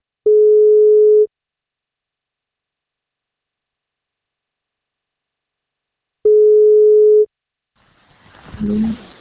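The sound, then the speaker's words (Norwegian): Two long, steady ringing tones of an outgoing phone call placed by NFM radio for a birthday wake-up call, each about a second, separated by several seconds of silence, followed by a brief rustle as the line is picked up. “Vi skal plukke opp telefonen og se om vi får tak”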